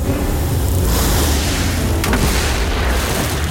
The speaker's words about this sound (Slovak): Skoro nás privalila skala. Hodil ju ten obor, ktorý stojí vysoko nad útesom.